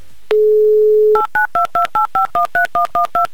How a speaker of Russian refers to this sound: Вот так вот быстро, быстро, оперативно, электронными пальцами набрали ваш номер телефона.